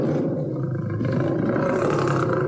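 A deep, rumbling lion roar fills the whole stretch, loud, a sustained growling bellow with a rough, throaty texture and no voices.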